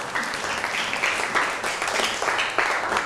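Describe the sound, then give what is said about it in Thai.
A group of students in class applauds a classmate after a group presentation, in a steady burst of many overlapping claps, a dense crackling wash that holds at an even level for a few seconds with no one speaking. “นั่งลงปรบมือให้เพื่อน”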